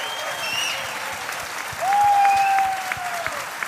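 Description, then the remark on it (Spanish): Audience applause at a concert for the band's drummer: a dense, steady wash of clapping hands from a crowd, with a clear sustained tone gliding in partway through as the clapping swells slightly louder. “Y como habéis visto, no vengo solo, vengo con una banda maravillosa que os voy a pedir un fortísimo aplauso a la batería,”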